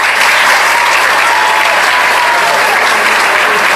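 Sustained applause from a sizable audience fills the whole stretch, a dense, steady wash of clapping hands at close, loud level with no pauses.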